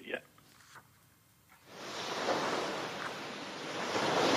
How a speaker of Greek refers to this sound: Και έτσι λοιπόν, εμείς φίλες και φίλοι, θα σας αφήσουμε με την πιο όμορφη θάλασσα.